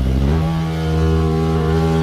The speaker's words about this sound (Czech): No jasně, a sršeň, ale jak to zní prostě, o mě děsí už ten jejich zvuk, jo.